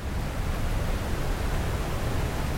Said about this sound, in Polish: I mamy jeszcze szumy. Szum brązowy. Zaznaczone.